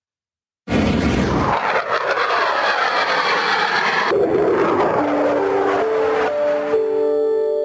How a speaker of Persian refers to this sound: نه شب و نه روز است که آسمان خاورمیانه با صدای موشک، پهپاد و جنگنده ها روشن می شود. امریکا و ایران همچنان مواضع یکدیگر را هدف قرار می دهند و نشانه از توقف درگیری ها دیده نمی شود.